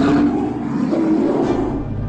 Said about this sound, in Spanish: Un enorme oso surgió de la oscuridad.